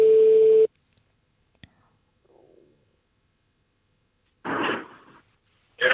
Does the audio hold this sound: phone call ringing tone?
yes